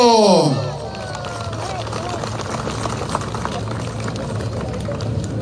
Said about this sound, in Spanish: Vamos a invitar, por lo tanto, a nuestro hermano, presidente de la Mancomunidad de Municipios del Trópico de Cochabamba, alcalde del municipio de Puerto Villarroel. Vamos a recibir a nuestro hermano Limber Cosío con ese fuerte aplauso.